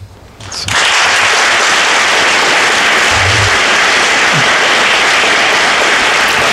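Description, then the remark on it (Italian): Applause in the hall of the Consiglio Grande e Generale in San Marino after the Pope's speech on his pastoral visit: after a brief hush, a large crowd breaks into loud, dense clapping that swells within a second and holds steady, with no voices over it. “Un applauso accoglie le parole del Santo Padre.”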